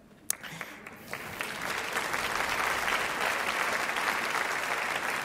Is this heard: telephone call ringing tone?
no